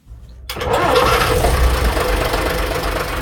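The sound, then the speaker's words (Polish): The large diesel engine of a vintage Jelcz 043 bus, known as the "ogórek", cranks and catches after half a second of quiet, then settles into a loud, steady, rumbling idle, with no talking. The bus is out on the streets of Łódź. “Nie tylko dlatego, że na ulicę Łodzi wyjechał Jelczy 043, czyli popularny ogórek”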